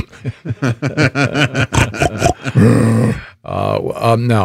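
A rapid run of short, rhythmic grunting snorts builds into two loud, drawn-out throaty roars, a deep guttural bellow that sounds like a pig or a lion.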